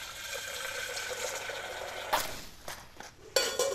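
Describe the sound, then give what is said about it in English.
Steady running water hisses in the background while a frying pan, for frying wild mushrooms for a garnish, is handled, giving a few sharp clanks and knocks in the last couple of seconds. No one speaks. “And then I need a frying pan so I can fry off some wild mushrooms for the garnish.”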